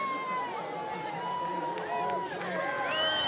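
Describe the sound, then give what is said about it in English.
A steady roar of crowd cheering on a soapbox racer heading down towards the chicane, with many overlapping shouts and whoops. Some high calls rise above the din toward the end, and the noise stays loud and continuous throughout. “Cheered on by the crowd, down towards the chicane.”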